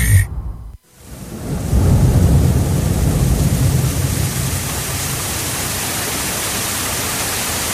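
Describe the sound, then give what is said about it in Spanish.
A deep, rolling rumble of thunder swells after a brief silence, then settles into a steady, dense hiss of heavy rain that continues to the end. “Cuidado, Evi. Ápate que va a llover.”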